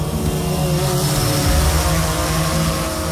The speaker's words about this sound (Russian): Вы слышите этот звук? Где-то над сопками движется муравей – грузовой дрон, созданный в Екатеринбурге. Несмотря на свое скромное название, перед нами весьма выносливый и сильный представитель семейства беспилотных доставщиков.